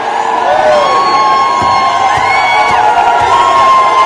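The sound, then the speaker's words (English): A large crowd of protesters at the State House in Nashville jeers and shouts in a steady, loud roar as Representative Justin Jones burns a printout of the Confederate flag, many overlapping voices yelling and whooping, punctuated by a few sharp thuds. “And they're all jeering, and they're ignorant. Listen to them.”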